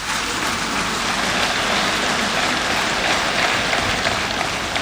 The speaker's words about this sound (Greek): δεν έχει αξία χωρίς τις γυναίκες και τους άντρες των ενόπλων δυνάμεων, τους ενστόλους μας, για τους οποίους παρακαλώ να επιφυλάξετε το πιο θερμό σας χειροκρότημα.